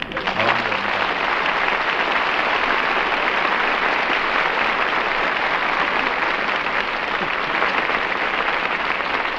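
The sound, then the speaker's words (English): A large studio audience applauds steadily, a dense, even wash of clapping that stays loud and sustained for the full nine seconds, with no talking over it. “Yes, I'm sorry we got that applause.”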